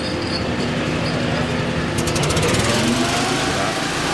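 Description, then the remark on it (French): A huge generator-driven smoke extraction fan is started up to clear smoke from a restaurant after a furniture fire. It roars steadily, its loud engine drone carrying low humming tones, with a burst of rapid rhythmic clattering midway through. “On met en route un énorme ventilateur avec une génératrice pour évacuer les fumées.”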